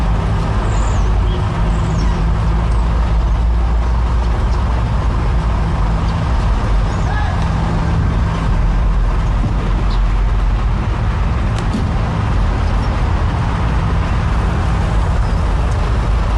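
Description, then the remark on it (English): Steady, loud road traffic noise with the deep rumble of a heavy lorry engine while multiple people climb onto the lorry's roof, continuous throughout, with no voices and no breaks in the drone. “Like, it's just openly climbing on the roof of this lorry, look. Multiple people.”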